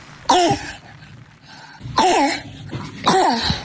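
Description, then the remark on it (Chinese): A child's harsh, barking croup cough, pointing to upper airway obstruction, sounds three times, evenly spaced. Each hoarse, seal-like bark carries a high, strained whistling rasp of stridor. It is fairly loud, with no talking. “这个咳嗽声音啊，一听就是一个儿童咳嗽的声音，有点嘶哑的声音，而且带有一点轻微的喘鸣，像是小狗叫一样，这是犬吠样咳嗽。”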